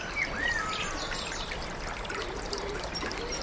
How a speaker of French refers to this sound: Et c'est une cascade là où il y a un petit courant.